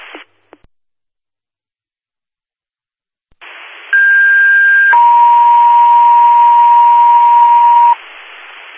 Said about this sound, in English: Attention all Oliver's Fire. General tones for unknown fire, 4th Avenue and Western Avenue at the dead end of 4th. RP was unable to see what's on fire.